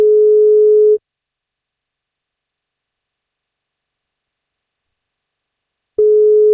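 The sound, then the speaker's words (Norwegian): A telephone ringback tone as the 1FM lunch show calls a listener on their birthday: a steady, mid-pitched electronic beep lasting about a second, then several seconds of silence before the next beep. No voices. “Men hvis han har lyst på kake, så må han svare når vi ringer.”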